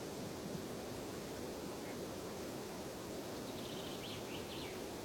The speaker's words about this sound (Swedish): Ganska tyst här uppe på den långsträckta bergsplatån. Men nu tycker jag ändå att det kommit igång lite fågel och vind.